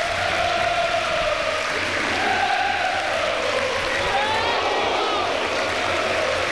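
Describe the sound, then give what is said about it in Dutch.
A large stadium crowd at a football match stands and applauds steadily, a dense, even wash of clapping from many hands that holds at a constant level throughout, with a faint murmur of voices mixed in. “Grote kans tijdens het applaus.”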